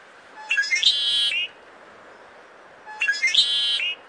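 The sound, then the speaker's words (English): Two bright, complex sparrow songs, each lasting about a second, separated by a pause of quiet background hiss, as the birds resume singing after falling silent. Trilling, warbling phrases ring out clearly, with no voices. “Stick around long enough, and the music will begin again.”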